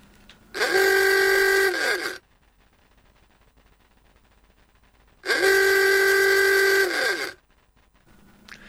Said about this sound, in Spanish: Primero algo, son sonidos que vienen del fondo de la historia, ¿no? Incluso de la historia montevideana. El típico claxon del Forté que se tocaba con una pera de goma y luego el inconfundible traqueteo del motor del Forté.